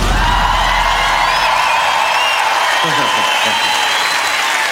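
A large crowd applauds and cheers loudly and continuously, a dense wash of clapping with rising whoops and shouts layered on top, steady throughout.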